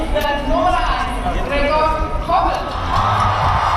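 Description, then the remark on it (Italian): A large crowd of fans at a fan event in Zurich cheers and shouts as Swiss national football team players, such as goalkeeper Gregor Kobel, are called onto the stage, with a steady loud roar of noise and scattered clapping, voices rising in excited waves throughout. “Lunghi applausi per ogni giocatore che si presenta.”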